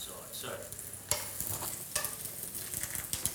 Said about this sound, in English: I'm just going to turn this down a bit. Oh, yeah. Birria taco is folded and then we keep frying it until it goes crispy.